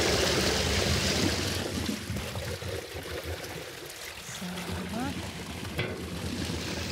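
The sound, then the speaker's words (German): Water gushes under strong pressure past wooden boards as a board is pulled out, in a loud, steady, hissing rush that keeps going without a break, with only slight swells in its roar. “Ganz schön viel Wasserdruck.”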